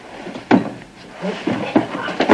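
The handle of a locked door to a suite is jiggled and rattled, one sharp clack followed by a flurry of quick metallic rattles, fairly loud.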